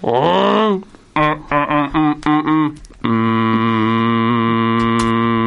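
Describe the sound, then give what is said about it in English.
Cows mooing on a farm: a rising moo, then a run of five or six short, choppy lows, then one long, steady, droning moo that holds loud to the end. “Just listen to them cows.”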